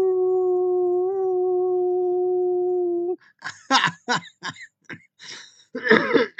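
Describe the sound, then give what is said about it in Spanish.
A person lets out one long, steady howl as a greeting, lasting about three seconds, then breaks into a string of rough coughs and throat clearing, fairly loud. “Bueno, al final de cuentas quiero saludar de viva voz con un aullido.”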